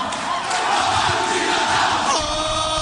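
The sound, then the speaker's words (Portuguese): A large stadium crowd of Fluminense football supporters chants loudly and continuously, a dense wall of massed voices filling the space for the whole stretch without pause. “Olha a torcida tricolor aí.”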